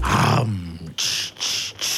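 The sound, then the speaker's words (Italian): A voice imitates the air brakes of an older truck, air discharging from the brakes: a low, rough growl gives way to three loud, sharp hissing bursts of released air, each separated by a brief pause. “No, è l'aria nei freni. Che si sgonfiano.”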